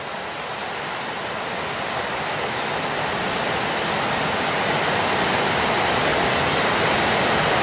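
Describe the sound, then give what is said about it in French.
Heavy rain pours down in a dense, steady hiss that fills the whole clip, growing slightly louder toward the end, with no voices or other sounds breaking through. “Quand il pleut des trombes comme ça, ils se mettent tous les oiseaux dans le feuillage.”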